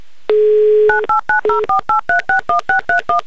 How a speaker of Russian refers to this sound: Итак, я повторно набираю номер телефона